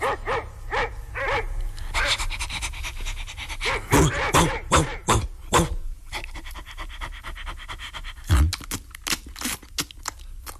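A huge, seemingly friendly dog pants rapidly, then lets out a run of loud, deep barks, followed by more panting and one last heavy woof.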